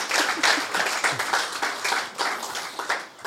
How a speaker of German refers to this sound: Applaus.